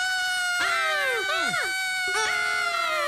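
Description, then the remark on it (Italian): Several voices scream together in loud, high-pitched sustained cries, their pitch repeatedly sliding downward in overlapping bursts over a few seconds. “Aspettate, ma perché stiamo urlando?”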